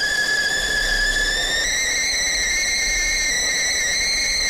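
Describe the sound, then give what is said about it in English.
A kettle, heated to make a cup of tea, whistles loudly and steadily, a piercing high tone with bright overtones that jumps slightly higher in pitch partway through, over a faint hiss and low rumble. “It's one heck of a whistle there.”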